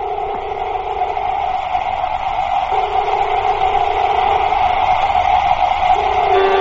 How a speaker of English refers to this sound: Exhaust the airlock. Contact. Suit inflating.